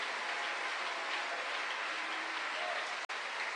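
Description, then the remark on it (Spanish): An audience applauds God steadily, a dense wash of many hands clapping at an even level throughout, broken by one abrupt instant of silence near the end. “¿Cuánto le damos un aplauso a ese Dios?”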